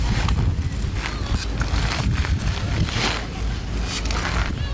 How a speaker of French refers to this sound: Un monocycle. Oui, promis, c'est le bruit de quelqu'un qui fait du monocycle. Vous voyez, il fait des petits allers-retours comme ça, il avance, il recule. Le monocycle!